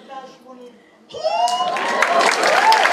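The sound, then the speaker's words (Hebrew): A brief voice gives way to a crowd bursting into loud, sustained applause with cheering and whoops, a dense wash of clapping that holds steady for the last two seconds. “איפה כפיים? יותר כפיים”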